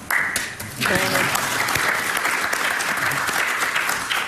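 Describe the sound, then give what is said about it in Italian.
Sustained audience applause, a requested double applause at an event on renewing Italy's National Health Service, thanking Senator Cantù; a dense crackle of many hands clapping steadily and loudly for several seconds, with a brief tonal sound near the start as the clapping swells. “Era stato chiesto un doppio applauso, quindi mi sono permesso di richiederlo e di ringraziare la senatrice Cantù.”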